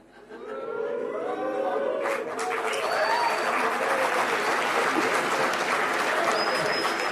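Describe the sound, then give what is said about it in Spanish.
A large crowd at a speech by a president claps loudly and steadily for several seconds, with cheering voices mixed in and a couple of sharp, high whistles piercing through near the middle and end. “Bueno, ¿hay algún chiflido, algún aplauso?”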